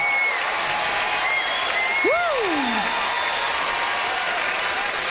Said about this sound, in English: Listen to that crowd for the hometown, boy!